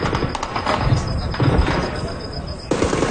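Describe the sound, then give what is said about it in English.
Dull booms and bursts of sharp cracking pops of explosions and gunfire, from a video posted on social media, ring out in quick succession over a noisy, rumbling background. “In video posted on social media, explosions and gunfire can be heard.”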